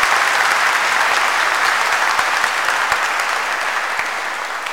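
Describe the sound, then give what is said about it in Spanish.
A crowd in a church applauds steadily, a dense wash of clapping that stays loud and even throughout with only a slight fade toward the end, no voices breaking through. “Les damos un fuerte aplauso.”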